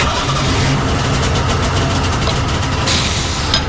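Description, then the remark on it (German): A Golf car's engine rumbles loudly and steadily in a garage, idling with a continuous low throb and no voices. The deep drone holds even throughout. “Ach, Entschuldigung, wie dumm von mir. Der Golf ist ja noch aus.”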